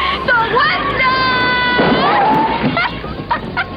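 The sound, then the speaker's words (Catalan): A woman's high-pitched scream from the film Fried Green Tomatoes, by its lead character, rises and holds for about a second over a noisy, murmuring background, followed by shorter strained cries and sobbing sounds. “és un crit en tota regla de la peli Tomàquets Verds Fregits, de la prota, que és una autèntica heroïna.”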